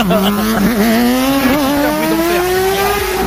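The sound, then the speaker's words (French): A motorcycle engine roars at full throttle as it speeds past, its pitch climbing steadily as it accelerates, loud throughout with no voices. “Il nous dit, j'aimerais interdire le mec qui, vers 4 heures du matin tous les jours, traverse à fond avec sa moto.”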